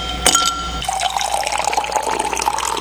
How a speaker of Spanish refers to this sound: Primero sirvamos algo con hielito, ¿vale?